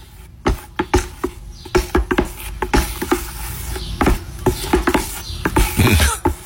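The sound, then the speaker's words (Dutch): Latex paint being stirred in a bucket before painting a room: a steady run of irregular knocks and soft scraping clicks as a stick bumps the sides, with no voices. “Roeren in een bak met latex omdat ik mijn kamer ga verven.”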